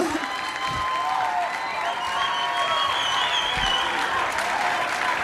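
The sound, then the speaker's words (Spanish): An audience applauds steadily for about five seconds, a dense, sustained clatter of many hands with faint cheering or whistles threaded through and no speech over it. “Un fuerte aplauso.”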